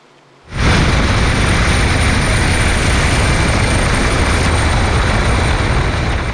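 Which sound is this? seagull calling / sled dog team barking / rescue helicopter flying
rescue helicopter flying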